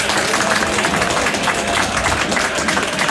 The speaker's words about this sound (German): was du wahrscheinlich nicht weißt, ist, dass Tausende am Radio zu hören, aber 10.000 Menschen hier im Studio sind, die dir für deine Reportage jetzt gratulieren werden durch einen Applaus.